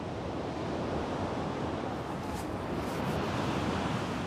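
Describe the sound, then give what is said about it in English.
Steady, rough sea surf of 8-degree water churns without pause, a dense roar of breaking waves between islands with gusts of wind mixed in, loud throughout. “His swim between the islands would be impossible with these waves.”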